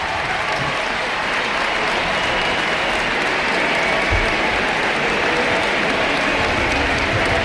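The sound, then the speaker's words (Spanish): A large crowd at Ullevaal Stadion applauds and cheers in a sustained, dense ovation for footballer Alexia, steady and loud throughout, with a broad wash of clapping and voices blending together. “Vamos a escuchar la ovación y los aplausos de Alexia para la grada y de la grada hacia ella.”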